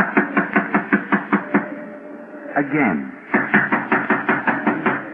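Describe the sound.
Two bursts of rapid, steady knocking on a door, each several sharp raps in quick succession, separated by a brief pause where a voice speaks a single word.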